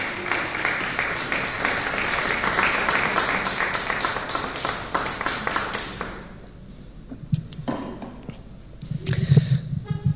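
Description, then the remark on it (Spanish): A crowd applauds the Lord loudly with dense, steady clapping for about six seconds, then it thins out to scattered claps and fades into quiet room noise with some low murmuring. “Dele, por favor, un aplauso fuerte al Señor.”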